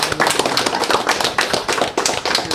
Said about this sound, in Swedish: Ska vi ge varandra en applåd allihopa? Verkligen, tack så mycket.